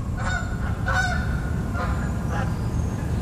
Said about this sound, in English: I'm sitting on my deck in Bellingham in Washington, and the birds have grabbed my attention like they usually do. In this case, a flock of Canada geese flying over. How perfect was that?